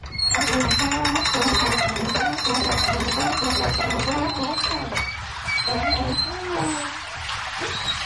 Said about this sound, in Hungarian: Folyik le róla a víz, hallani a csobogását.